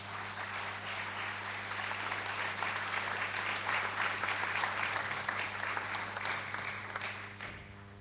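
An audience claps steadily for several seconds, a dense, even patter of many hands that swells slightly in the middle and tapers off near the end, with a low steady hum beneath.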